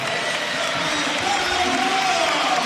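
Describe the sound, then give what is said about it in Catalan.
A crowd at a regular-league match applauds steadily for a few seconds as captain Carlos Barrón comes on as a substitute, a dense, continuous clatter of clapping that holds at an even, fairly loud level, with a faint tonal hum running underneath. “L'aplaudiment de Somos.”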